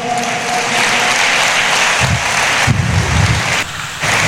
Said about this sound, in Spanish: ¿Estamos despiertos, iglesia? Denle fuertes aplausos al Señor esta noche.